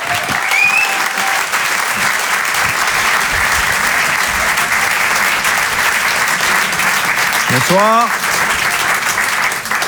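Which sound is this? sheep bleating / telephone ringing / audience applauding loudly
audience applauding loudly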